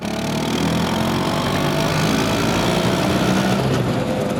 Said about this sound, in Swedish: Det är den italienska mopeden Vespa som skapades 1946 av den tidigare flygplanstillverkaren Piaggio. Mopeden fick namnet Vespa, geting på italienska, för att den låter just som en sån.